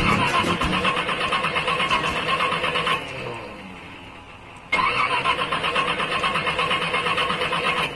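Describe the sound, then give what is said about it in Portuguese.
A car engine with a serious engine problem cranks repeatedly with a loud, rapid grinding churn that never catches, pauses briefly into a quieter wind-down, then resumes cranking with no start. No one speaks. “Tá com problema sério no motor, bate na partida, não pega mais de jeito nenhum, mais ou menos assim, ó.”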